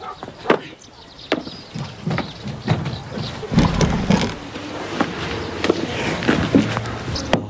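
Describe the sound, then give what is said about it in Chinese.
Repeated knocking on a house's door and window to rouse a man inside: about ten sharp, hollow raps in uneven bursts, moderately loud, with a low rustling background between them. “你干啥呀？又敲门又敲窗户的，我没死。”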